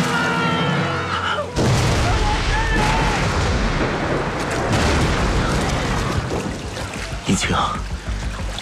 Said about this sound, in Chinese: 在我跳入海中十几秒以后，船就爆炸了。我眼睁睁看着轮船连同许多未及出逃的旅客在海面上消失了。